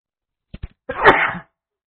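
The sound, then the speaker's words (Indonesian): A single sneeze: two quick sharp intakes followed by a loud, breathy burst that fades within half a second, with silence around it. “Alhamdulillah. Yahdikum Allah yuslihu balakum.”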